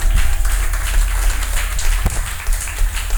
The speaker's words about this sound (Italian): Più forte, un applauso molto più forte.